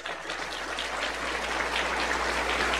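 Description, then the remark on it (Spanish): An audience applauds for God, a dense crackling wash of many hands clapping that holds at an even, fairly loud level and swells slightly toward the end, with no voices over it. “Vamos a dar un aplauso bien fuerte para Dios.”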